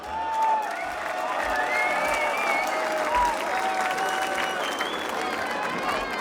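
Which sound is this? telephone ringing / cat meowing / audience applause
audience applause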